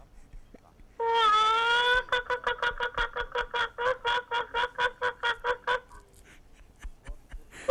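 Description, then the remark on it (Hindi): A man's voice imitates a hen: one drawn-out squawk, then a steady run of about fifteen quick, loud clucks, with no other sound around them. “तो आंटी जी को वालेकुम सलाम कहूंगा तो मुर्गी की आवाज मैं निकालता हूँ जी, निकाले।”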